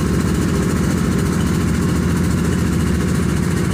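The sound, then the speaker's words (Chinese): The engine of a fishing boat that has just docked idles with a low, rhythmic throb, holding an even chugging pulse throughout with no voices over it. “这渔船刚靠岸啊，码头上就炸开了锅。”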